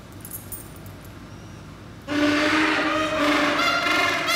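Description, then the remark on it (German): Keys jangle and clatter loudly, starting abruptly after a quieter stretch and continuing in a bright, metallic rattle for a couple of seconds. “Also Schlüssel lieben sie über alles. Die klappern so schön, gell?”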